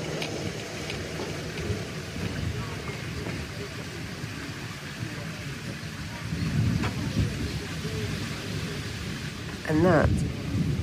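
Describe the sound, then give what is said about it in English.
Steady rain patters across the whole stretch while low thunder rumbles and swells over a thermal bath in a small place called Egeshaluk on a hot, muggy afternoon, growing heavier in the last few seconds. A person briefly speaks over the storm. “is the thunder that is causing everyone to leave.”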